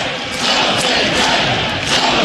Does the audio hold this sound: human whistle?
no